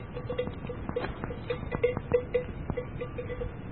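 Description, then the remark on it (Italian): A cowbell clanks irregularly as a walking cow moves, a dozen or so metallic clonks at an uneven walking rhythm, over a low outdoor rumble with no voices, as the cow is being followed. “Vabbè, seguiamo la mucca.”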